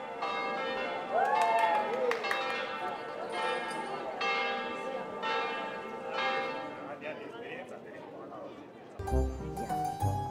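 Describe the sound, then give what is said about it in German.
Church bells in a mountain village on the island of Elba peal steadily for a wedding, overlapping strikes ringing out with long sustained tones, while a crowd murmurs faintly in the background; near the end a louder, busier burst of sound joins in. “Die Glocken kündigen ein besonderes Ereignis an. Heute wird Hochzeit gefeiert.”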